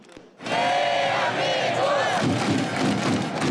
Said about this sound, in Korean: 선수들이 공격 기회를 잡을 때마다 환호성이 터져 나왔고 응원가와 북소리 대한민국 구호가 광장에 울려 퍼졌습니다.